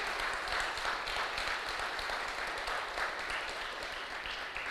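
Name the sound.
audience applauding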